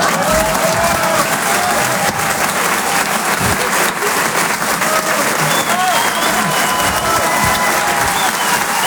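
Sustained, loud applause from a large audience at the end of a stand-up comedy set broadcast on Rire et Chanson Comedy Club radio, a dense wash of clapping with a few faint cheers mixed in, steady from start to finish.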